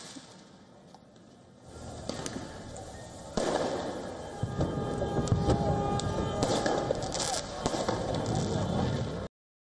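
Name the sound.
fireworks exploding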